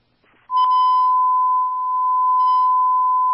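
A fire dispatch alert tone, sent out for Ladder 26 to a motor vehicle accident at Westinghouse Boulevard and South Tryon Street: one loud, steady, unbroken electronic tone that starts abruptly after a brief faint noise and holds at a single pitch for about three seconds.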